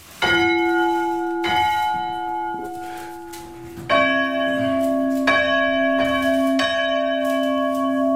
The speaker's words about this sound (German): Und nur für mich lassen wir jetzt noch die Glocken läuten. Also, wir haben eine kleinere und eine größere Glocke. Welche machen wir? Erstmal die kleine.